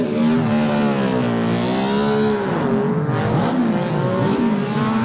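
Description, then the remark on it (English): A racing motorcycle engine screams, its pitch climbing and dropping repeatedly as it revs through the gears, loud and continuous with no voices. It is a replica of the bike on which Mike Hellwood won the Senior TT, ridden by his son David Hellwood, who works for BMW. “And it's David Hellwood, his son, who now works for BMW, who is riding the bike, a replica of the bike, on which Mike won the senior TT”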